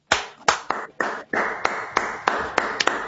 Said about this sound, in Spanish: Me sumo a los aplausos,